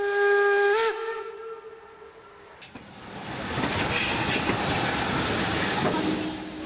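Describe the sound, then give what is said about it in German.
The whistle of a historic steam locomotive arriving at the station in Marienberg, Germany, on 26 August shortly before 10 o'clock, blows loud for about a second, then gives way to rising hissing steam and the rumble of the train rolling in. “der wieder in Marienberg im Bahnhof eingefahren ist, als historischer Dampfzug”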